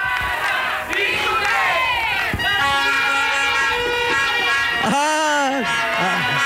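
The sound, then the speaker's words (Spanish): A supporters' group (barra) is asked to shout and bellows a loud chant together. Many voices shout in unison with rising, drawn-out cries that are sustained throughout, dense and energetic from start to finish. “A ver, vamos, grito a la barra.”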